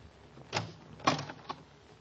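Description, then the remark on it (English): A closet door with a mirror on it opens with a few short knocks and rattles, a latch click followed by the door swinging, fairly quiet with no talking. “There's a mirror on the door of that closet to your right. Open it and see how you've improved.”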